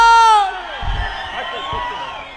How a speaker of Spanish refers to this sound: ¡Ese grito de los borrachos! ¡Qué chingón!